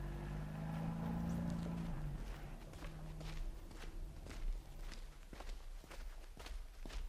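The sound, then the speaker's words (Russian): Steady footsteps walk along at a measured pace, each step a crisp tap, while a low engine hum fades out in the first couple of seconds; the car is sent away and a team goes on on foot in absolute silence during an operation. No one speaks. “Машину убрать, дальше пешком, соблюдать абсолютную тишину.”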